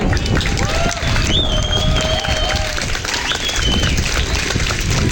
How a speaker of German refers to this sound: Ein riesen fetter Dank raus und von euch auch nochmal bitte Applaus für all diese Leute.